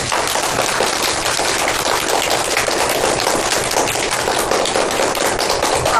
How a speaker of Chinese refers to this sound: 同学们，通过今天的学习，你们成为了一名非常合格的小侦探，把掌声送给自己吧。